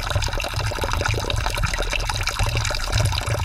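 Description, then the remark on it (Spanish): Water from a spring fountain in Slovakia, a few metres away, pours steadily and continuously, a full splashing flow with a bright, bubbling texture and no voices. “Ahora mismo me he dado cuenta de que no tenemos suficiente agua, pero no pasa nada, ya que aquí cerquita, solamente unos metros, se halla una fuente con el agua preciosa.”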